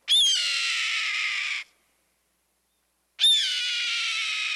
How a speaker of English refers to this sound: Yup, that's the cry of a red-tailed hawk soaring overhead.